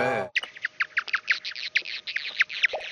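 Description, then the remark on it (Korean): A fast, steady train of sharp, high chirping calls, around a dozen in three seconds, blurred by a dense hiss of crackling noise filling the gaps between them, as bat echolocation calls jammed by moth sounds. “근데 갑자기 나방이 거기에 막 자기 소리를 내요.”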